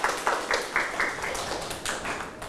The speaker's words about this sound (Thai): เก่งมากครับปรบมือให้กับตัวเอง